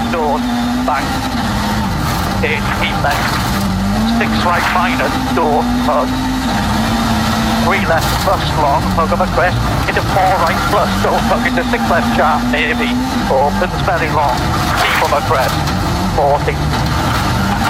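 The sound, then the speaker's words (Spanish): A rally car engine roars from onboard Elfyn Evans's car as the fourth stage starts again, its pitch climbing and dropping repeatedly through gear changes for the whole stretch, loud, with a voice talking over it at times. “Escuchamos, nos subimos arriba del auto de Elfyn Evans.”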